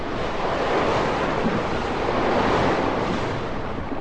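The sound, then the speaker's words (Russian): A storm at sea roars continuously as it drives a ship eastward, with churning, surging waves and gusting wind blending into one loud, unbroken wall of noise; no voices are heard. “Потом началась буря.”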